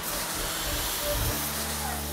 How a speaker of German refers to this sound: das zeigt auf jeden Fall Wirkung, weil da ist echt jetzt ein Wasserstrahl, der außen austritt.